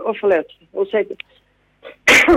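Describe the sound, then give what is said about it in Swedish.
A person talking on the phone speaks in short bursts, pauses, then lets out one loud, sharp sneeze into the microphone, with a brief catch of breath just before the explosive burst. “Prosit. Det nöser jag på.”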